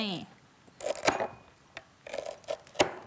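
Crisp knife chops on a cutting board, slicing through lemongrass in short uneven bursts, close and fairly loud, with a brief voice at the very start.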